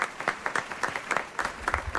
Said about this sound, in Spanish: Inaugurando, fuerte aplauso para ellos.